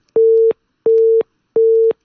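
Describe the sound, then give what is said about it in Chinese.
A telephone ringing tone during a call sounds three times: short, steady, mid-pitched beeps, evenly spaced with brief gaps, loud over silence, with no voices. “打了声了，打了一下。”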